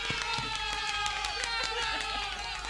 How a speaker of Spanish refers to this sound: Los aplausos que siguen.